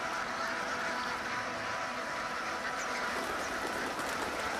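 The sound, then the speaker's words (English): Hundreds of waterbirds gathered on the last ice-free place in a lake make a dense, continuous wash of calls and rustling, keeping the water moving so it does not freeze over. Faint quacks and a few higher chirps poke out of the steady murmur, with no one speaking. “Hundreds of paddlefoots keep the water moving and prevent it from freezing over completely.”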